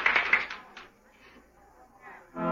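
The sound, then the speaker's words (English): A burst of opening-night theater audience applause for the performers on the First Nighter program, dense and crackling, fades into a quieter stretch with a voice murmuring, then louder clapping swells again at the very end. “If the first nighters like it, listen to that applause.”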